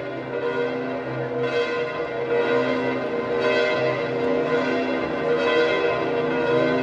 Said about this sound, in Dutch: En we zien nog beelden van de klokken van de Sint-Pietersbasiliek, de campanile.